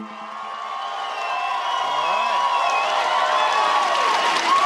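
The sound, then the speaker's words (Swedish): A crowd of SpaceX employees cheering and whooping at the company's base in Texas as founder and CEO Elon Musk stands before them on 12 June 2026, a dense, sustained roar of many voices with scattered shouts rising above it, fairly loud throughout. “Det är den 12 juni 2026 när SpaceX grundare och vd Elon Musk ställer sig framför ett gäng jublande medarbetare på bolagets bas i Texas.”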